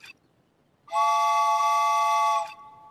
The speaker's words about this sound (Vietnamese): Bạn định kéo còi đến khi nào có ai nghe thấy và tới giúp đỡ sao? Ý kiến hay đó.